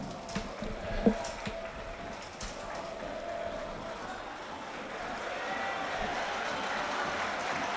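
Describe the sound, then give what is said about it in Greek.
A large stadium crowd of Panathinaikos fans applauds player Tamborda as he goes to the corner to warm up, in a dense, steady wash of clapping and cheering that swells louder and fuller during the second half, with a few sharp bursts early on. “Ζεστό χειροκρότημα τώρα για τον Ταμπόρδα, αποθέωση.”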